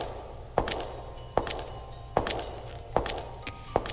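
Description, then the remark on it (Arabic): Footsteps crunch steadily through a forest of very tall trees, some over 70 metres high, five evenly spaced steps on soft, twiggy ground with a faint low hum beneath, clear with no one speaking. “وكل خطوة شو تسمعون صوتها وايد واضح.”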